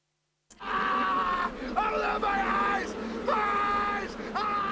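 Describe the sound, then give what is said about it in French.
After a brief silence, loud, high-pitched screaming erupts from what sounds like several voices at once, sustained and wavering for about four seconds, signalling a correct answer in a quiz. “Et oui, encore un hurlement qui prouve que vous avez une bonne réponse”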